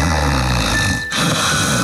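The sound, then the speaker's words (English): A loud alarm clock rings, a harsh, continuous metallic clamor that cuts out for a split second midway before blaring on again, with no one talking. “When do you think the alarm's going to go off?”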